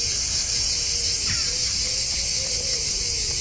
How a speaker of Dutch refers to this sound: Zuid-Franse geluiden, ja, hier horen we de cicades, de zangcicades.